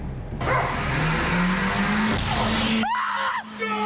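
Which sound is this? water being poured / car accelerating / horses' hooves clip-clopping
car accelerating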